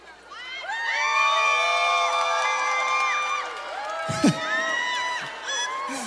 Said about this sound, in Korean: 이거 봐 아이가 오늘 오신 분들 수준이 높다니까 물 먹는데 막 박수 소리 나오고 함성 소리 나오잖아.